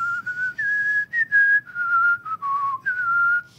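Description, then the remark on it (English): Someone whistles a short melodic tune, with clear sustained notes shifting pitch in phrases, a soft low rumble of background noise underneath and no talking. “And as I often do, it just happened to be whistling a little tune.”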